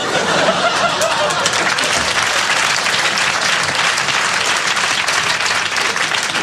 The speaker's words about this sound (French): Applaudissez les conneries, on n'a pas fini.